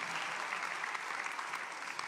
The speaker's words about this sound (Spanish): Alguien tiene que gritar un fuerte amén y aplaudir el nombre del Dios que cuida de nosotros.